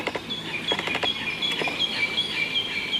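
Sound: birdsong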